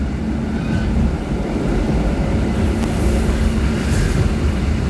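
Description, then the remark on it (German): A steady, loud low rumble of an older-model train rattling as it pulls out, with a continuous rattling texture and faint higher squeals, heard from on board; no talking. “das ist ein bisschen ältere Zugmodell, rüttelt noch ein bisschen. Wir fahren jetzt aus.”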